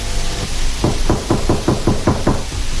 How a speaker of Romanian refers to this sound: Cineva bate în ușă.